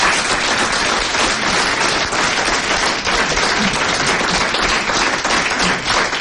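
A crowd applauds steadily, dense overlapping clapping filling the whole stretch at a loud, even level with no voices over it.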